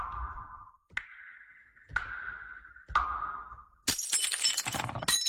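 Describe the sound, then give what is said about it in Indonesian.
A drinking glass, broken accidentally, shatters in a loud crash of scattering shards, preceded by four evenly spaced ringing glassy tones. No voices are heard. “Ibu pikir gelas itu aku beli pakai daun.”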